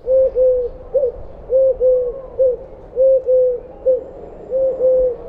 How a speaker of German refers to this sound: Die Türkentaube ruft klar und dreisilbig etwa du, du, du.